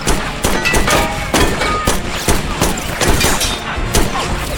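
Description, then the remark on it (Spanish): A rapid volley of loud, sharp gunshots, around ten cracks fired at uneven intervals over a steady, noisy rumble. “Si no puedes hacerlo con una bala, no lo hagas.”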